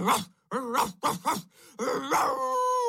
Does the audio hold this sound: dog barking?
yes